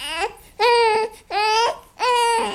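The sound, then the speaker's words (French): An infant less than a month old, in the trunk of a car, wails in four loud, rhythmic bursts, each a strained, high-pitched cry separated by brief gasping pauses, clear with no one speaking. “Ben oui, un bébé. Le pire, c'est que ce bébé-là, il n'y a même pas un mois.”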